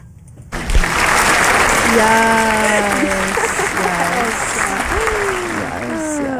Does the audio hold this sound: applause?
yes